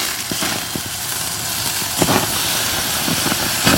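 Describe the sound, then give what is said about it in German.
A steady sizzle of a huge porterhouse steak, the first steak of the week on Rock FM, frying on a grill, a dense hiss dotted with sharp pops and crackles throughout, with no voices. “Brutzelt hier so vor sich hin.”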